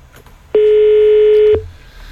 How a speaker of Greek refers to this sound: Όχι, μπορεί να μιλάει στο τηλέφωνο. Ξαναχτυπάει.